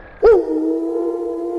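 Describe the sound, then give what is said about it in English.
A test alert tone of the Classic Rock 96.7 The Wolf Broadcasting System begins with a quick upward swoop, then holds one steady, loud, mid-pitched note with buzzing overtones, sounding alone without any voices. “interrupt our regular programming for this test of the Classic Rock 96.7 The Wolf Broadcasting System.”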